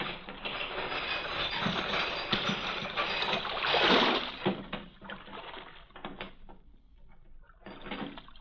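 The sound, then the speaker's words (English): A small rowboat carrying a man seated between two guards moves out of a harbor: steady sloshing and rushing water, with a louder surge around the middle before it settles to a softer wash. No one speaks. “I sat in the stern sheets with a guard on each side of me in the little boat.”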